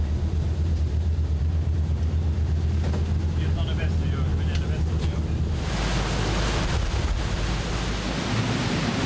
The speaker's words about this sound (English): way it can be when the waves hit the bow.